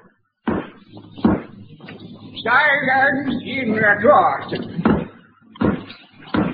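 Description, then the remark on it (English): A hammer bangs loudly in a courtroom: several sharp, irregular knocks, two at the start and a few more at the end, with a voice speaking between them. “For the first time, the whoever's bending that hammer, please stop it.”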